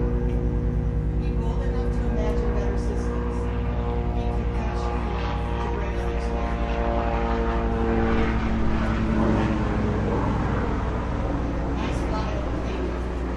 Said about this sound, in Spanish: Bueno, vamos a esperar que pase el helicóptero.